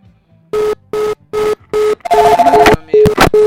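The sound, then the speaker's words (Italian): A telephone line rings for an incoming call with a steady series of short, evenly spaced electronic tone bursts, then the tones become denser and more jumbled, mixed with line noise. “vabbè, andiamo con l'altra telefonata, dimmi.”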